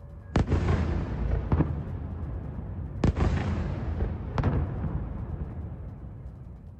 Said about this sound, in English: The last few months have seen Russia catch up with Ukraine in drone technology, and every day its new Garan 5 jet-powered attack drones smash into Ukraine's cities, and chiefly, of course, Kyiv, as in the case of this nighttime attack.